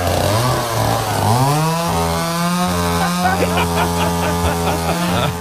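A chainsaw engine runs loud, revving up after a second and then holding a steady, buzzing drone with slight rhythmic pulsing toward the end.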